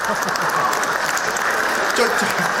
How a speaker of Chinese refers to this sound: 就这模样的，你还给鼓掌呢？